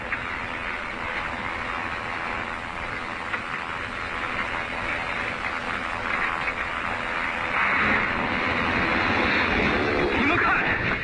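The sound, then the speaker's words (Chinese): A loud, steady drone of an airplane engine in flight fills the whole stretch without pause, swelling slightly toward the end, with a broad rushing roar underneath, as the pilot is about to parachute out and leave two people aboard who cannot fly the plane. “注意，飞行员就要离开这两位不会驾驶飞机的候选人了。”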